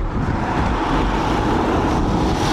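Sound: police car pulling up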